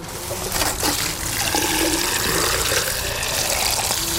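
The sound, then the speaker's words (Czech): Drinking tap water gushes steadily as gardeners water their beds at an allotment garden in the Královo Pole district of Brno, a continuous splashing rush with no pauses and no voices. “Mezitím zalévají pitnou vodou a hledají způsoby, jak s ní co nejvíce šetřit.”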